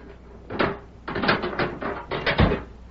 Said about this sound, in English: That evening, Sheriff Matt Gorman went to Deke Bauer's cell and unlocked the door.